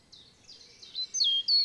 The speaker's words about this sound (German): Wer den Baumkronenpfad im Nationalpark Hainich betritt, lässt den Alltag schnell hinter sich. Es riecht nach Wald, die Vögel singen ihr Lied, über den Köpfen rauschen die Blätter der alten Buchen und Linden.